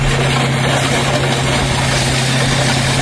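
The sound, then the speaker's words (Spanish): A heavy excavator's engine roars steadily as it rolls over a pile of stacked, toppled illegal motorcycles in New York, part of a police operation destroying more than 200 of them. A loud continuous rumbling drone with a gritty mechanical grinding layered on top and no voices. “Así suena el momento en el que, sí, la excavadora pasa por encima de estas motos que están apiladas y tumbadas como fichas de dominó.”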